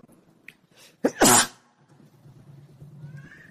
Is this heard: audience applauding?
no